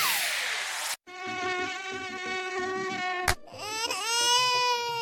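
A loud, close mosquito whine drones steadily at a high pitch, briefly cut by sharp noise bursts, then resumes and rises in pitch toward the end.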